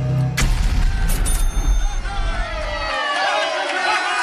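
A sudden loud explosion sound effect for a 1000 rand prize competition bursts out, followed by a heavy rumbling roar that fades over a few seconds into a busy wash of crowd-like chatter and bright, whistling tones.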